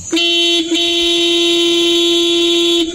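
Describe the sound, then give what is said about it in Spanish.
A loud, sustained car horn blares steadily for nearly three seconds, with a brief dip near the start, its bright buzzing tone holding one pitch until it cuts off. “Sí, es un pito fuerte, un pito largo, o sea, un pato certero.”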